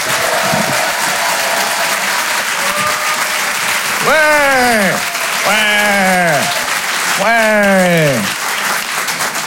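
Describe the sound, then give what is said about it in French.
A crowd applauds steadily throughout for comedian Pierre Thévenoud at a Rire et Chanson comedy show, the dense clapping joined by three loud, arching whoops of cheering that swell and fall in pitch in the second half. “Faites un maximum de bruit, s'il vous plaît, pour Pierre Thévenoud.”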